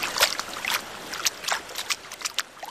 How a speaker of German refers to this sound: Ja, ich gehe mal rein ins Wasser, um mich einmal an das Wasser zu gewöhnen und dann werde ich auch schon mal einen ersten Sprung wagen.